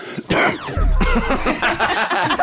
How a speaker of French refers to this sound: J'adore cette toux qui arrive juste après.